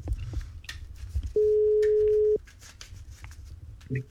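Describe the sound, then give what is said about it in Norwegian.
A single steady ringback tone sounds for about a second over faint background rustling, clear, as a radio host's outgoing phone call to a listener rings on the line. “Vi tar og ringer dere, dere som har brukt telefonnummer, så får vi se om ikke det er liv der ute i radiolytterland.”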